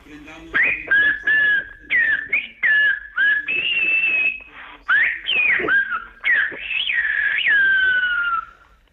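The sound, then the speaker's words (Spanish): A human whistler performs a Silbo Gomero phrase, the whistled language of the Canary Islands, whistling 'the Pope is here, let us raise our gaze': a series of loud, gliding whistled tones, rising and falling in speech-like bursts with short gaps, ending in a long sustained descending whistle. “Vamos allá, lo haremos con el Silvo Gomero y lo voy a silbar aquí y voy a decir, el Papa ya está aquí, alcemos la mirada.”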